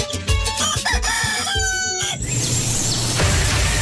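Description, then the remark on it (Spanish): Several miniature Aztec roosters crow loudly in quick succession, their shrill calls overlapping with bursts of clucking, followed by a noisy stretch of barnyard chatter with a final crow rising near the end. “en proceso de crearse, la raza de gallitos azteca miniatura, que puedan venir a conocerlo.”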